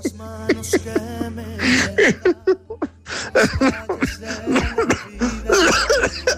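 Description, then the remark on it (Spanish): A person laughs in bursts of breathy, voiced pulses that break into harsh coughing near the end, fairly loud, with no words spoken. “Cuando uno ya ríe y termina en tos, ya está ahí, no otra parada de la vida.”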